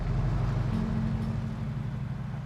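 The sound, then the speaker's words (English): A car's engine rumbles low and steady as the car slowly reverses along a dirt track, a continuous drone with a faint tonal hum and no voices. “Senior puts the car into gear. He glances at a cherry picker rising up above the house and is impassive, then turns and reverses the car”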